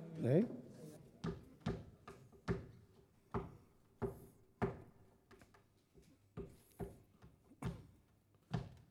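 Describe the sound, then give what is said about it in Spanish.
A brief vocal sound, then about a dozen sharp knocks on a door in a loose, uneven rhythm, each one loud and distinct against a quiet background. “Allá la puerta llama.”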